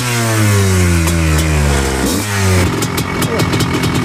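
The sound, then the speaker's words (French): A petrol trial motorcycle engine revs loudly, its pitch climbing and dropping through a couple of throttle blips before settling into a rough, popping burble. “Bon ben on vient de descendre de la moto thermique, c'est plus technique hein”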